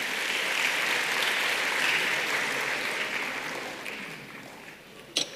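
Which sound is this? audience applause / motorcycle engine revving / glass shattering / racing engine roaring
audience applause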